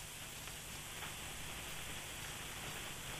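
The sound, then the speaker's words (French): Light rain falls in a steady, even hiss with a fine patter of drops, soft, continuing unchanged throughout with no voices. “La vie saignée, là, puis la dernière, un petit peu de pluie, là.”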